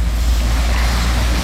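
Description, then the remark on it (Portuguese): A steady, continuous rush of clean water leaking from a pipe and running onto Torres Homens street in Vila Isabel, flowing for several days, fairly loud with a deep rumbling undertone and no voices. “vários dias, essa água escorrendo aqui, ó.”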